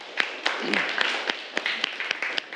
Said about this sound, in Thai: ปรบมือให้ตัวเองหน่อย